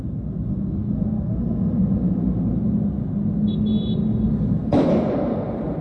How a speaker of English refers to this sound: This is somebody who is in a office tower or high-rise of some kind right across the street. You can hear the explosion through the glass of this person recording it.